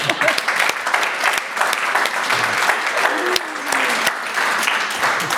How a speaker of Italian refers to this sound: Cioè, merita un applauso.